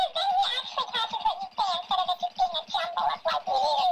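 A small pet bird chatters continuously, a busy stream of warbling, squeaky calls and giggle-like chirps with brief pauses, sounding almost like garbled speech or laughter.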